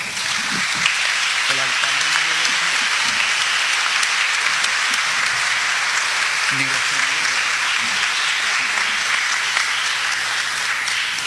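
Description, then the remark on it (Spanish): Loud, steady applause from an audience for the members of the Executive Cabinet of the Autonomous Municipality of Aguadilla, a dense wash of clapping that holds evenly for about eleven seconds, with faint voices murmuring underneath. “Fuerte aplauso.”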